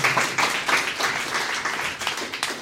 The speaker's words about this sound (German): Ich möchte trotzdem mich ganz besonders bedanken und bitte einen Applaus für Werner und Holger an Licht und Ton.